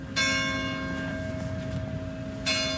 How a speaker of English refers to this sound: Church bells ring one village over in Saint-Jean-d'Illac.